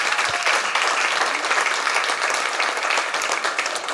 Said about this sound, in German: Applaus